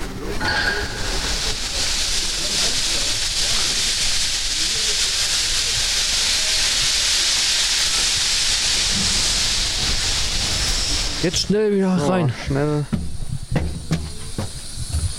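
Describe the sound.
Loud, continuous hissing of steam venting from a steam locomotive fills the first eleven seconds, then cuts off abruptly as a man speaks briefly over the lingering noise.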